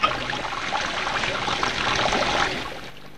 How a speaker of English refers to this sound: She turns the bath on, and they both listen at the door.